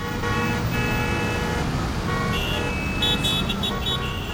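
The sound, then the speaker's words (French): Busy street traffic rumbles steadily, with sustained car horns blaring through it, the honks growing more insistent toward the end. “Par là, c'est dangereux. Il y a trop de circulation.”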